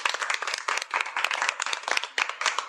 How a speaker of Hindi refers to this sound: जोरदार तालियां भाई।